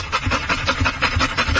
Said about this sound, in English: This is, for those of you who are not watching on YouTube, it's a literal train with a dog's face on it. So imagine that a dog is panting